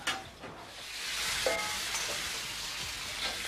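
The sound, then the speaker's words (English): Steady crackling sizzle of noodles frying in a hot pan, fairly loud, with a few brief stirring scrapes and clinks breaking through the continuous hiss. “The noodles are frying for me and my gown.”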